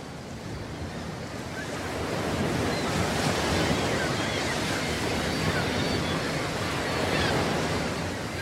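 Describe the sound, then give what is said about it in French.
A continuous wash of ocean surf rolling onto a beach, a broad steady roar that swells slightly after the first couple of seconds, with some gusty wind noise blended in and no voices. “Je me rappelle le sable, la plage, l'eau, les vagues incroyables. Oui, surtout ce murmure incessant.”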